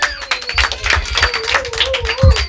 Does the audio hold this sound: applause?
yes